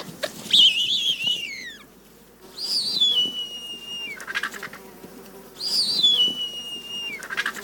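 A bearded vulture gives three thin, high whistling calls with a slight trill, each sliding downward and ending in a brief lower note, separated by short pauses. No one speaks.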